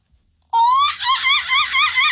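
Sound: voice imitating a monkey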